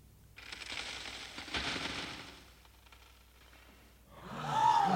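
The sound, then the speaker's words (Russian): Bridge supports crack and splinter in a rapid, rattling burst that swells sharply partway through, fades, then returns with a thin rising whine near the end. “Вот такой же треск был тогда!”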